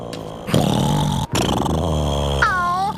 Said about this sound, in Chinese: 小的小熊打呼声还真大， 差不多和你一样大声。